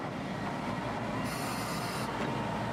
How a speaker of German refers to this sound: Berühmt ist die Alishan Railway für ihre Streckenführung. Um einen großen Höhenunterschied ohne Zahnrad überwinden zu können, fährt der Zug im Zickzack hinauf. Dabei fährt er in ein Stumpfgleis und hält an.